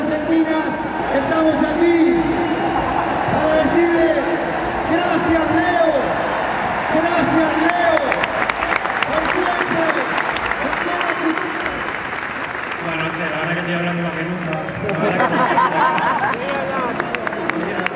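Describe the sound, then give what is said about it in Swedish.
A huge stadium crowd of about 85,000 people applauds and cheers continuously to thank Leo Messi at his last match with the Argentina national team, a dense roar of clapping and voices with scattered whoops and chanting rising and falling throughout. “Och nu ska han tackas av här av de här 85 000 människorna som har samlats här på stadion.”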